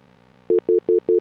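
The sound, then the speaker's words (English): A telephone line tone pulses four times in quick, even succession, each beep short, steady in pitch and fairly loud, over a faint low background hum with no voices. “we got to fix the phones here.”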